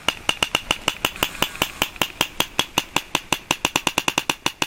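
A steady train of sharp sperm whale echolocation clicks, used to find food, roughly six per second and quickening slightly toward the end, each one crisp and loud over a faint background hiss.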